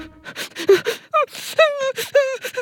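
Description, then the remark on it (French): A voice acts out the sobbing of a sad cuddly toy, with wavering, whimpering cries broken by quick breathy sniffs and gasps, fairly loud, in uneven bursts over a couple of seconds. “il pleure tellement qu'il ne peut plus s'arrêter de renifler.”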